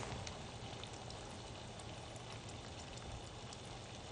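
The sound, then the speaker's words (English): A pot of potatoes boils hard and bubbles over, a steady hiss of rolling water with faint pops and crackles scattered through, fairly quiet, with no one speaking. “Oops, something's bubbling over here. Better turn the potatoes down to low.”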